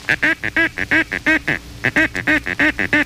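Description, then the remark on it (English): A duck call blown in the paducah call, a rapid, rhythmic run of short, nasal quacking notes, about sixteen in three seconds with a brief pause midway, loud with no talking. “The paducah is rarely made by ducks, but it does attract them.”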